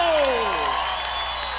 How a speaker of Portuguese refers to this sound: Vamos aplaudir o forró popular brasileiro!